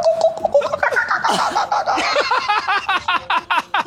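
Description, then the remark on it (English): Human voices imitate seagull calls in a rapid run of high, squawking yelps with rising and falling pitch, overlapping in a busy, fairly loud burst, with short, sharp cries toward the end. “Last one. Seagull noises.”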